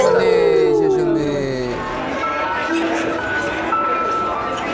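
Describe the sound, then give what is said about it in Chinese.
Glasses clink together in a toast, a brief ringing chime near the start, surrounded by several voices cheering and chattering loudly in a lively group. “来，干杯！”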